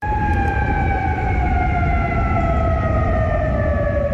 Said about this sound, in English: The sirens heard across Kuwait City, where the military says it is actively intercepting incoming Iranian missiles and drones.